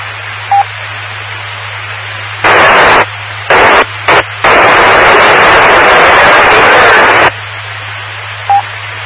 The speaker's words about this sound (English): I heard a squelch break in there, but just nothing audible. If you want to try that again, maybe move around a little bit. I can't tell if that was pattern or not. It was a zero copy.